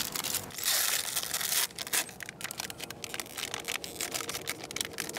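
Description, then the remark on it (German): Surgical scissors and forceps being handled during a veterinary operation on an animal under deep anaesthesia: a steady bed of crinkly rustling with a louder burst of tearing-like noise early on, then scattered small clicks and scrapes, no voices. “Jetzt die Scheren und Pinzetten.”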